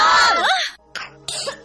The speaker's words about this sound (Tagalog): Ubo ng anak, nakababahala, baka plema.